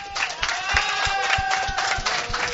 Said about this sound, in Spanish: Además, un cartel que dice primer puesto, felicitaciones, un aplauso.